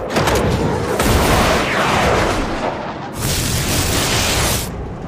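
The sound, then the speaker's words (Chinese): A second missile launches from an aircraft with a loud, continuous roar, and two sharp hissing surges of rushing noise break out over the rumble. No one speaks. “第二枚，准备发射，明白。”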